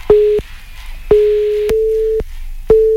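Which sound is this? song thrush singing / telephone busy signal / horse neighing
telephone busy signal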